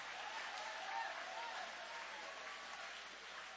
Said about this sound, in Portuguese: Levanta a mão aplaudindo, levante a mão exaltando, levante a mão adorando.